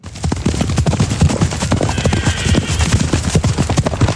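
Several horses gallop over a pasture down in the Safiatal valley, their hooves pounding in a fast, irregular drumming rhythm, with a faint whinny rising briefly in the middle against an outdoor background.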